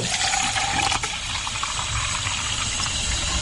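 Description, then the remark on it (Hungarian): Plain tap water pours steadily into a 5-litre glass preserving jar, a continuous splashing gush with a bright, hissing texture that holds level for the whole few seconds, with no one speaking. “Még akkor öntsünk hozzá vizet, mert még kell majd hozzá. Egyszerű csapvíz is jó hozzá.”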